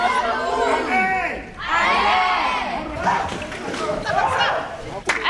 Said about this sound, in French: Là, il se noie, n'est-ce pas? Qu'est-ce qu'on fait? On crie à l'aide toujours. On crie à l'aide.